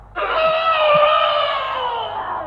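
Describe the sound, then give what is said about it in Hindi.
A single long trumpet from the elephant Jagannath, a loud, brassy, shrill blare held for over two seconds, its pitch sagging slightly as it fades toward the end, with no voices. “अरे ये आवाज तो जगन्नाथ हाथी की है, और वो भी भूसी ओर से है जहां जहां दुर्गा बुआ गई है।”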